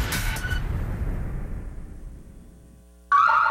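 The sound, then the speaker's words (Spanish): A low rumble like a passing vehicle fades away, then a loud, piercing Alarmex security alarm, activated in zone 7, suddenly starts blaring near the end, shrill. “Nos comunicamos de Alarmex. Recibimos activación de la zona 7.”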